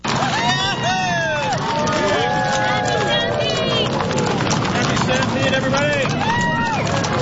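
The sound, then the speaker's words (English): A dense crowd filling the streets of downtown Calgary for the Calgary Stampede parade, many overlapping voices chattering and calling out at once, a steady loud roar with rising and falling shouts throughout. “Crowds filling the streets to celebrate the start of the annual festival.”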